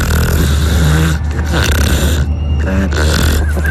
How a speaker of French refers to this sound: Je crois qu'on les entend bien les trucs ronfler, non? Elles ronflent bien là.